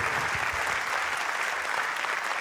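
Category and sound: crowd, audience applause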